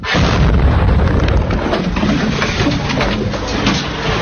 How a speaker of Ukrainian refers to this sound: Увечері на Одесу полетіли одразу 3 керовні авіаційні ракети. І вже за 20 хвилин пролунав потужний вибух у цьому житловому районі.